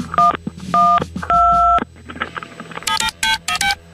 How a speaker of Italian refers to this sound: Avete sentito i tasti del suo telefono? E io allora gli metto dei suoni diversi per confonderla. Così è convinta di chiamare 112.